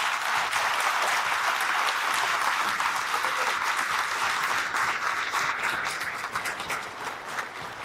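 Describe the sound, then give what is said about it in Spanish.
A crowd applauds at a posthumous tribute ceremony, with steady, dense, overlapping claps that stay loud for several seconds, then gradually thin out and soften toward the end. No one speaks. “Un aplauso.”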